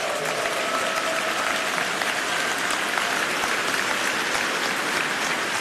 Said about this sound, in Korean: 하나님께서 이 나라를 얼마나 사랑하시기에, 또 극동방송을 얼마나 사랑하시고 또 얼마나 사용하길 원하시기에 이렇게 70년 동안 이어오셨는지, 우리 다시 한번 하나님께 감사와 영광의 박수를 올려드렸으면 좋겠습니다.